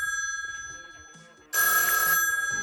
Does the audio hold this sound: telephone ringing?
yes